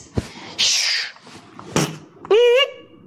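Someone fumbles with several prepared keys at a door lock, trying to open the door: a sharp thunk, a rattling scrape, another clunk, then a brief squeaky creak. Fairly loud, with no talking.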